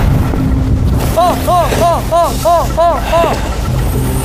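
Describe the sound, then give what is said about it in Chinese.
Strong sea wind, on a day of big wind and waves too rough to put out to sea, roars and buffets the microphone in a loud, steady rush, with a quick run of about seven repeated rising-and-falling chirps sounding through the middle. “风也大，浪也大，我们都今天都没有出海呀。”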